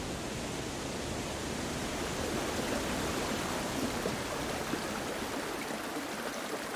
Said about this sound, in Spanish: Aigües Tortas y San Mauricio es el paisaje de los lagos de montaña. El agua aquí suena en todas las notas de la escala.